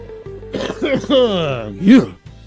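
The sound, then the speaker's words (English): A voice imitates hacking and throat clearing, as if coughing up a furball, for about two seconds, with strained, pitch-sliding gagging noises that end in a louder retch. “Cough of a furball, will ya?”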